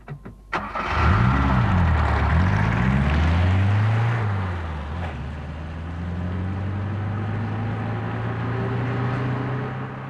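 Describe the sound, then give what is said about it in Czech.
A car engine cranks and catches, revs up and down a couple of times, then settles into a steady, loud idle. No one speaks. “Odpoledne usedají do svého auta s důvěrou, nebo spíš s nadějí, že je do večera doveze do 200 kilometrů vzdáleného městečka, kde mají ten den koncertovat.”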